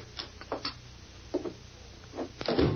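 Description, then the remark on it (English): A door is shut and locked: a scattered series of soft clicks and knocks from the latch and bolt, ending in a slightly fuller thud. No one speaks. “We'll lock the door down.”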